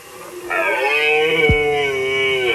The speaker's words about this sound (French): Vous avez bien reconnu le brame du cerf. C'est un spectacle que certains périgourdins ne veulent pas rater en ce moment. C'est la saison des amours pour le cerf.